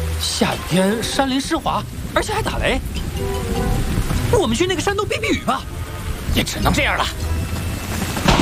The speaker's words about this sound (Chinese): 现在下雨了，下雨了，我们赶快下山吧，豪哥。